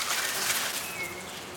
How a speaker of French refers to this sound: Tiens, des bourdonnements. Des insectes s'affairent par ici. Des abeilles? Non, il n'y a pas de ruche. Ah, je sais, des guêpes.